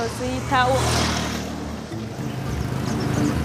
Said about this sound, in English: Watch out for the motorcycles.